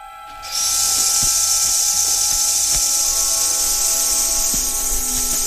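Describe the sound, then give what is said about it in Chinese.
A sustained, harsh rattling hiss from roadrunner chicks in their nest, a deterrent sound made on detecting danger, switches on abruptly after half a second and holds steady and loud, resembling a rattlesnake's buzz, with a few faint clicks underneath. “这种声音酷似响尾蛇摇动尾尖发出的声响，然而响尾蛇恰恰是走鹃喜爱的猎物之一。”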